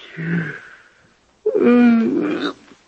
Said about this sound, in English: It's funny, I don't know why I'm yawning. Nerves, I guess.